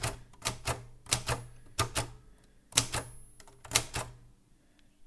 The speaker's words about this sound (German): Ja, ihr hört es vielleicht, ich habe jetzt das Medium gewechselt an diesem kreativen Abend. Ich habe jetzt eine Schreibmaschine vor mir. Die habe ich mal vor einer Zeit lang geschenkt bekommen von einem Freund von meinen Eltern.